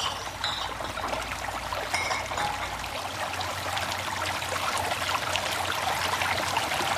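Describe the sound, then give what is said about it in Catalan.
Water splashes and trickles steadily for several seconds as bottles are filled from a flowing source, a continuous pouring sound with no voices. “Anem a emplenar les ampolles.”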